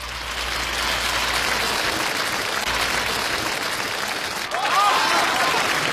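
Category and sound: crowd, warm applause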